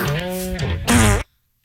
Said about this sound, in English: That's two farts, but that first one. Whew.